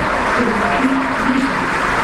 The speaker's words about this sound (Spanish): Aplausos para Merentiel.